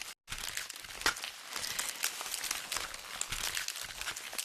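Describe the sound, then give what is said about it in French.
Banana plant leaves, used by a musician working with concrete sounds, crinkle and rustle in a dense, continuous crackle with sharper crisp snaps throughout, after a brief silent gap at the very start. “Ce bruit, lui-même crépitant et savoureux, est celui des feuilles du bananier.”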